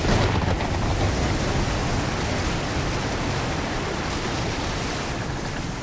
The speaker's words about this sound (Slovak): Búrka obrovskou pesťou vetra a spenenej vody prúdko udrela do provy našej lode. Bolo to ako keď rozúrený bík vrazí z celej sily do práchnivého stĺpa ohrady. Loď zaprašťala, zastenala a odletela nabok ako pierko.